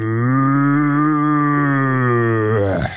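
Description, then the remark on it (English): A person imitates a cow with one long, loud, sustained moo that holds steady for nearly three seconds before breaking off abruptly at the end. “That's one of the best moves I've ever heard.”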